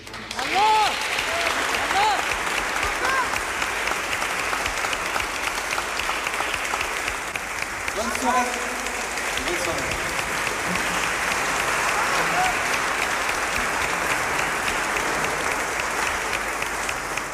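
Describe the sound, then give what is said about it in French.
A crowd applauds the volunteers of a concert event for about seventeen seconds, a dense, sustained patter of many hands clapping, with some cheering voices and whoops rising over it. “Voilà, mais un grand merci aux bénévoles et on peut aussi les applaudir.”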